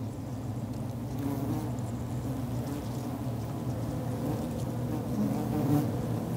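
A dense, continuous hum of many bees buzzing together inside their nest cavity, where forager bees strip off pollen and workers store it; low and steady throughout with slight swells, fairly loud, no voices.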